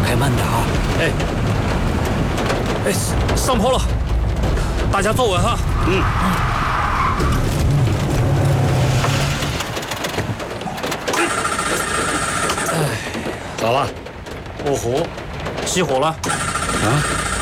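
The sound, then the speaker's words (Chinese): A car engine rumbles and strains continuously while people talk loudly over it as the car drives uphill on a mountain road in the rain, the low droning easing off in the last few seconds. “开慢点啊！哎，上坡了，大家坐稳哈。”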